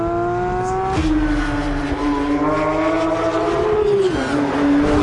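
An electric Porsche sports car accelerating, its steady electronic whine climbing and shifting in pitch over several seconds, loud, with no one speaking.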